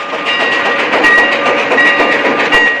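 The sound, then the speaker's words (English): An old steam engine chugs steadily along the rails through the western desert towards the frontier town of Shinbone, its rhythmic clatter loud, with thin whistling tones drifting over the dense mechanical rumble and no voices. “An old steam engine chugs its way through the western desert towards the frontier town of Shinbone.”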